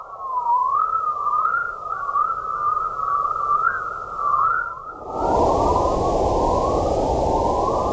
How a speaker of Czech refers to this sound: Experti z Ústavu fyziky atmosféry Akademie věd a Univerzity Karlovy došli k závěru, že elektromagnetické vlny na slyšitelných frekvencích přezdívané vesmírné cvrlikání mají překvapivě pevné a pravidelné prostorové a časové rozložení.